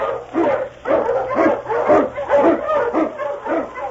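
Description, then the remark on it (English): King, a husky Eskimo lead sled dog of Sergeant Preston in the Yukon, barks repeatedly in quick, rhythmic bursts, about two barks per second, loud, with a faint steady hum underneath and no talking. “On King, on you Husky! King, the swiftest, strongest of Eskimo lead dogs, blazes the trail through storm and snow for Sergeant Preston as he meets the challenge of the Yukon.”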